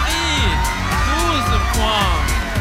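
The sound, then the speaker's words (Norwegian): Bulgaria's delegation cheers and celebrates loudly in the Green Room after receiving Australia's 12 points, putting them in the lead with 64 points; excited shouts and whoops overlap continuously with no break, like a jubilant team erupting together. “Altså, de feirer jo som om de har vunnet allerede.”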